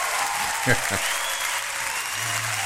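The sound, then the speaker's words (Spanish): Steady, dense applause fills the whole clip at an even level, a continuous wash of many hands clapping, with a few brief voice sounds faintly underneath. “Oye, para que nos digan las personas ingratas que no los saludo, sí, un aplauso ingratamente a esta hora.”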